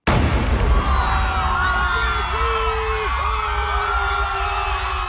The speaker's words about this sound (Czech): Výstřel z křižníku Aurora zahájil velkou říjnovou revoluci.